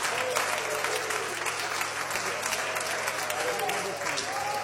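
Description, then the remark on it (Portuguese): A standing church audience applauds steadily to welcome a presbyter at a service celebrating 64 years of the Deus é Amor Pentecostal church, a dense wash of clapping filling the space, with faint voices and cheers mixed into the sustained applause. “Então vamos receber o servo de Deus com as palmas para Jesus.”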